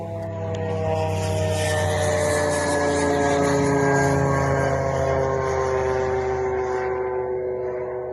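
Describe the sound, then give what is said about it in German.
A steady, droning propeller buzz of an approaching drone with a strong engine hum holds loud for several seconds, its pitch sliding slightly lower as it seems to draw near and pass. “Darüber hinaus gibt es natürlich ein Alarmsystem, das heißt, man kann anhören, wie sich eine Sirene anhören wird, wie eine Drohne sich anhört, die sich nähert.”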